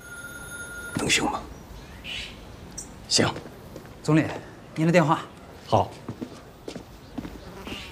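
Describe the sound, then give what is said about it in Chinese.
A telephone rings briefly at the very start, a steady electronic tone that cuts off after about a second, followed by people talking in short bursts; the call is for the Premier. “总理，您的电话。”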